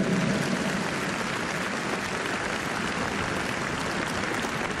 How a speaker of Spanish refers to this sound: Otro aplauso al Espíritu Santo, fuerte.